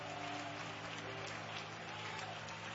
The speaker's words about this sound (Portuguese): Palmas e glória a Deus, igreja.